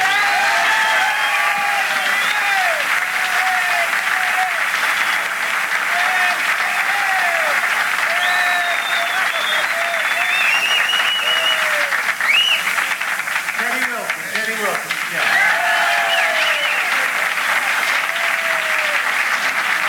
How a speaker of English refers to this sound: it's really heartwarming and a great pleasure to be back with such wonderful musicians, great friends of mine, and I'd like you to applaud them each personally. … at the drum.